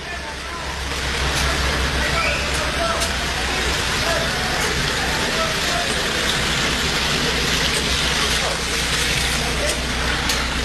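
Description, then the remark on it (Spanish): Steady rain pours down in a dense, crackling hiss, with a low idling motor rumbling constantly underneath throughout. “Continúa la lluvia, señores, continúa la lluvia.”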